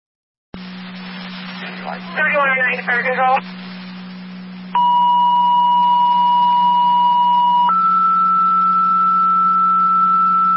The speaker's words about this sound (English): Fire control rapids, additional tones for an EMT to your station for the EMS call at South Lockport. Repeating rapids, additional tones for an EMT to your station for the EMS call at South Lockport.